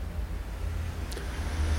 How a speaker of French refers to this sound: Deux voitures.